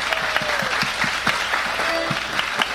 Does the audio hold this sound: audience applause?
yes